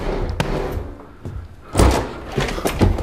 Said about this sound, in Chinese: 开门， 开门，给他开门。